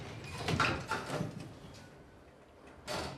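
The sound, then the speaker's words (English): Lift doors slide shut with a rumbling mechanical rush, a couple of scraping surges, then a brief lull before a final soft thud as they meet. “Alone together, they lock eyes as the lift doors close.”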